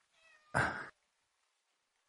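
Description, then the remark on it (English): A person imitates a cat's meow at a pet cat: a soft, rising tonal lead-in swelling into one loud, drawn-out nasal meow lasting under a second, followed by silence. “Meow. Meow. See, I meowed at Fluffy and she came moves.”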